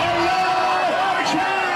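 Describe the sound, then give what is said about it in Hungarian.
A large celebrating crowd on the streets of Tehran, Iran, cheers and shouts together as missiles are launched toward Israel, a loud, dense, continuous roar of many voices with raised calls rising above it, unbroken throughout. “Teherán utcáin ünneplő tömeg éjjenzett, amikor kilőtték a zsidó állam felé tartó rakétákat.”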